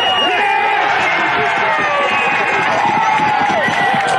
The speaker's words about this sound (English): The Gorillas avoiding a 15th straight loss as Ben Askew scored the winning try with just minutes to go, sending the home crowd ballistic.